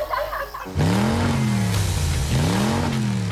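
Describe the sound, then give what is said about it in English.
A car engine revs up loudly after a brief quieter moment, its pitch climbing twice in strong surging sweeps, dominant with no voices. “It's time to get revved up.”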